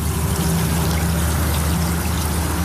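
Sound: river water flowing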